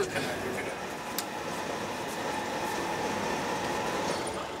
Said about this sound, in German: Mitten in der Nacht rollt der Zug auf eine Ostseefähre. 3 Stunden Überfahrt bis ins schwedische Trelleborg.